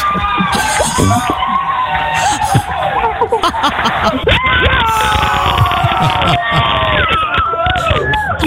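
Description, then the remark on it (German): A crowd cheers and shouts excitedly in the studio of the Moin Show on Antenne Niedersachsen, loud and continuous, with overlapping high-pitched whoops, screams and laughter throughout. “Großer Jubel bei uns in der Moin Show, denn in diesem Moment war klar, wir haben ein Finale”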